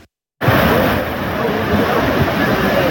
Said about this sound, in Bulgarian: Огромна приливна вълна унищожи път и наводни къщи в симитлийското село Крупник. Щетите в симитлийското село Крупник са сериозни. Днес видяхме огромна река. Носеше огромни камъни, може би по един тон камъни, които нямаше как да бъдат спряни.